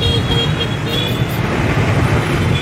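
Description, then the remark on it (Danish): Scooters hum and drone past on a busy street in a steady, loud wash of motor noise, with faint high-pitched tones flickering over the engines. No one speaks. “Sitting in a street, eating something out of a bowl that I'm not exactly sure what it is. Scooters going by.”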